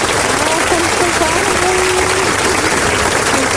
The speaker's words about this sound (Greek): Α, δεν πειράζει, εμείς ένα χειροκρότημα θα το ρίξουμε ούτως ή άλλως, γιατί έχεις κερδίσει.